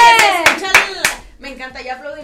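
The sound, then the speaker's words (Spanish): Four sharp, loud hand claps ring out in a quick, slightly uneven rhythm over excited voices on the radio station 96.5 Éxtasis Digital during a screen giveaway, then the clapping stops and people keep talking. “Me encanta, ya aplaudimos como si quieres.”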